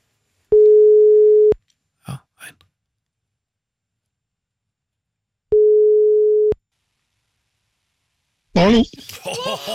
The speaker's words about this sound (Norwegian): Det ringte bare en gang her, men greit nok.